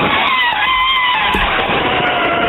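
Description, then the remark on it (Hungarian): A voice imitates an elephant trumpeting: one loud, unbroken blast lasting a couple of seconds, brassy and screechy, with a wavering pitch that dips slightly in the middle. No one speaks over it. “Van egy másik állatnak a hangja is, amit tök jól tudok utánozni, az az elefánt.”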